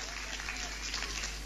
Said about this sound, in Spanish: ¿Vio que algunos no aplaudieron? Son los que dicen nada. La próxima va a aplaudir.